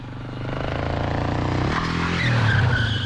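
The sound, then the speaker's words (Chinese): A motorcycle engine runs steadily, its revving drone growing a little louder and higher in pitch toward the end, with no voices. The motorcycle is arriving at the doorway of a house, where its engine cuts off. “突突声在门口灭了，是亲戚来了。”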